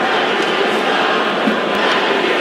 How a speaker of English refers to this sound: Crowd not happy that the whistle blew.